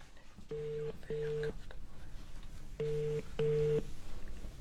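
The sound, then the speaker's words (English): A telephone ringback tone purrs through the earpiece as someone phones a friend: two double rings, each pair of short steady buzzes separated by a pause, sounding slightly thin as if heard down the line. “I must phone. Oh, I hope she answers.”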